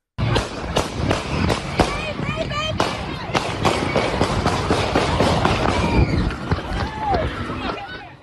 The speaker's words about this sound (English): This was the scene when the festival was interrupted by gunshots.